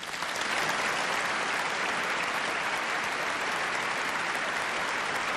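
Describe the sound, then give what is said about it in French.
An audience inside a church applauds in a dense, steady wash of clapping that swells in within the first half second and holds at an even, loud level throughout, with no voices standing out. “Et pendant qu'ils applaudissent, on montre la foule qui est en dehors de l'église.”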